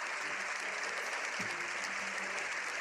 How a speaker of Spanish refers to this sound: Ha saludado a los miembros de la Cámara Baja antes de entrar al hemiciclo, donde fue recibido con una larga ovación.